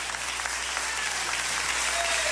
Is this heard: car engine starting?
no